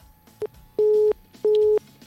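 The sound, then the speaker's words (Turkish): A telephone busy tone after a call drops: a short blip, then two steady mid-pitched beeps of about a third of a second each, evenly spaced over a faint line hiss. “Maalesef hattan düştü arkadaşımız.”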